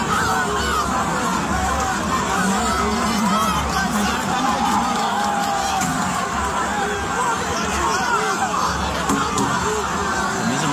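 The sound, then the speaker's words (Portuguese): A dense, roaring stadium crowd of Corinthians football fans fills the air steadily, with overlapping shouts, chatter and occasional higher cries rising from the constant loud babble. “Os torcedores do Corinthians estão nervosos aqui.”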